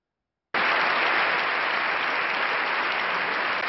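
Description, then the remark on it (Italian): Loud, sustained applause for Pope Leo from a large crowd in the Spanish Parliament's Congress of Deputies (Palacio de las Cortes) starts abruptly after a brief silence and continues steadily as a dense wash of clapping, with no voices standing out. “Applausi scroscianti per il Papa dagli scranni del Parlamento spagnolo per la parola serena e decisa di Leone, così oggi ha descritto lui stesso, introducendolo, il discorso scritto e pensato per essere letto al Palazzo delle Corti”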